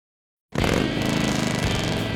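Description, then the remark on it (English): A Harley-Davidson motorcycle engine kicks in abruptly and holds a loud, steady, throaty rumble with a rapid low-pitched pulsing throb, no voices over it. “There's nothing like the sound of a Harley and the feel of the open road, and knowing the bike beneath you is yours.”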